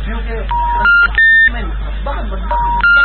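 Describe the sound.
A mobile phone call rings out unanswered, with short electronic tone bursts repeating in a steady pattern, loud, over a busy background of voices and noise.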